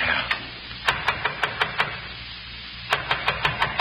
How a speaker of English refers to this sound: Someone's trying the outside door.